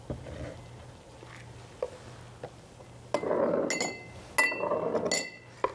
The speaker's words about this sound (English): And we're just gonna scoop out some of this mixture and put it in the glasses. This is gonna be our base.